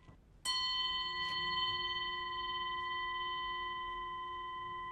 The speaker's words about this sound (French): Ce sont des grelots tibétains. Les garçons ont porté aux pieds pour danser. On dirait le bruit de l'eau. Le son dure 30 secondes en s'atténuant.